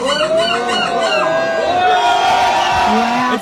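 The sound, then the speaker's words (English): A loud crowd in Belgium whoops and cheers while a person imitates a seagull's cry with high, sliding gull-like squawks, over steady hubbub. “So I've got two, and then you've got to listen to the crowd's response because they in Belgium take this very seriously.”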